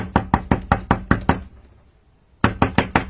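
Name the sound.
knocking on a door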